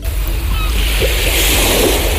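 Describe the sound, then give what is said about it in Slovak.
Sea waves crash against rocks in a loud, continuous roar of surf, with brief splashing bursts rising out of the steady wash of water. “Je to aj pre Milana ten najzvuk, keď vlny narážajú na skaly a keď sa vlna rozbije na milión kvapiek.”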